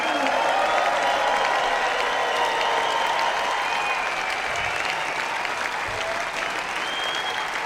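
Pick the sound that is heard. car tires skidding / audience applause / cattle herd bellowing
audience applause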